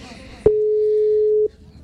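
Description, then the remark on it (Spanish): A single steady telephone ringing tone on a call from the city of Montería or the department of Córdoba sounds for about a second, loud and clear as a pure electronic hum, with faint background noise before and after. “Está sonando otro teléfono en la ciudad de Montería o el departamento de Córdoba.”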